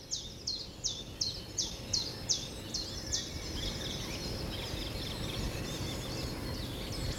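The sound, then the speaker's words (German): A bird sings a rapid series of bright, repeated chirps at a steady rhythm over a constant low rumble of background noise, with fainter calls continuing afterward. Birds singing early in the morning in spring. “Aber da fängt der Vogel eben mal früher an, morgens zu singen und dann wieder ein anderer.”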